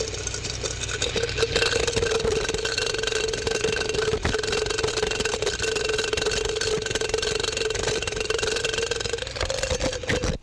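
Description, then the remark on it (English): An underwing moth with a 4.5-inch wingspread: its beating wings make a steady, continuous buzzing drone, mid-pitched and even in loudness for about ten seconds, with no voices. “Here is an underwing moth with a 4.5-inch wingspread.”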